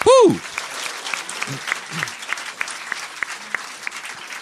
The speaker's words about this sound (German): Diese Menschen bekommen jetzt einen ganz großen Applaus. Das ist unsere Jury für die Vorrunde.